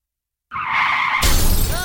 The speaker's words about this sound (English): My car was clean till another car clocked her.